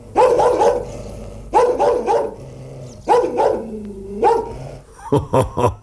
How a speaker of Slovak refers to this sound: To, čo ste práve teraz počuli, bol susedovie pes.